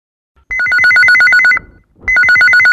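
A telephone rings loudly, two bursts of rapid electronic trilling alternating between two tones, separated by a short pause, with no voices, announcing a listener's phone-in call from Rohtak, Haryana to a radio song-request show.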